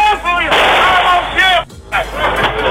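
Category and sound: gunfire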